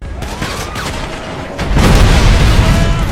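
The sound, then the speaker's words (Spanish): Dense bursts of video game gunfire and booming vehicle explosions, building to a loud, sustained rumble of explosions in the second half, with sharp cracks scattered throughout and no talking. “Estos tiroteos y explosiones de vehículos no son reales, no los hemos recogido en ningún suceso que haya ocurrido durante esta jornada, por lo menos en el mundo real, aunque puede ser en el digital”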